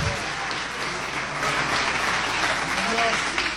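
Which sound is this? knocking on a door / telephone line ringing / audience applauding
audience applauding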